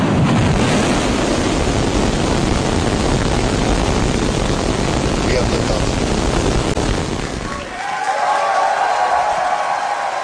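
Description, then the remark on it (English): A SpaceX Starship rocket blasting off from its launch pad in Texas at night: a loud, continuous roar rumbles for about eight seconds, then cuts abruptly to a thinner, higher-pitched wash of noise. “SpaceX employees cheered as the rocket blasted off from its new launch pad in Texas last night.”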